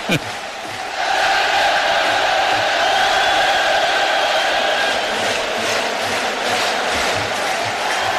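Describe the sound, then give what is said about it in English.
A big baseball stadium crowd roars and cheers in the ninth inning of a Rangers–Red Sox game, with the Rangers leading 6-4. It is a loud, sustained wash of noise, with scattered shouts and whoops rising above the steady din for several seconds. “Can you hear this crowd?”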